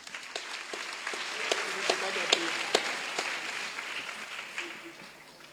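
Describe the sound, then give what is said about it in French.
An audience applauds in a steady patter of many hands, with a few sharper individual claps standing out, while faint voices murmur beneath the clapping. “Il faut applaudir pour.”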